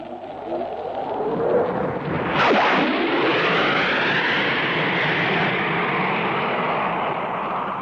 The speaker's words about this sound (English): There he comes. There comes Devil Duke streaming in the Hawker Hunter. After giving us that admirable double bang, Neville Duke in the Hawker Hunter.